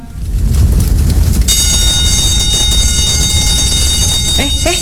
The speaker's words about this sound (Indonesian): Alarm apa ini? Tenang, ini simulasi.